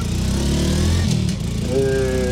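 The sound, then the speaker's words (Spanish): A motorcycle engine is started and runs steadily, its low rumble shifting pitch as it idles and revs slightly, with a higher whine emerging near the end. No one speaks. “Ahí la voy prendiendo, listo, hágale.”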